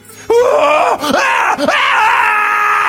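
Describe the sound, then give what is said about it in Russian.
A patient's loud, piercing scream bursts out and holds for nearly three seconds, its pitch wavering and dipping briefly before rising again into a sustained, strained shriek. “Жуткий крик сотрясает воздух.”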